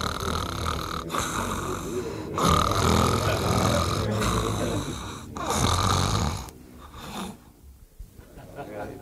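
A man fakes snoring, drawing several loud, rasping, rhythmic snores in a row, each a long throaty rumble with brief pauses between, trailing off into quieter breathy sounds at the end.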